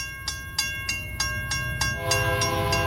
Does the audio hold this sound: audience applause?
no